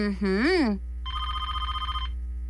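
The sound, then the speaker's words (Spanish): A house landline telephone rings once with a rapid electronic trill lasting about a second, preceded by a brief exclamatory voice with rising and falling pitch. “¿Pero qué suena si mi celular no sirve? ¡Ah! ¡Y es el teléfono de la casa!”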